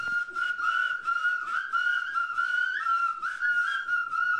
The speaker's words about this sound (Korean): 사람마다 휘파람 소리가 달라서 화음처럼 들립니다.